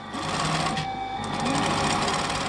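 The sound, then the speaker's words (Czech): A sewing machine in a Sorbian tailor's workshop runs steadily, its needle stitching in a fast, even mechanical whir with a constant hum underneath, loud and uninterrupted with no voices. “Typiski ta zvuk šijavl, když ve švalčani stejš.”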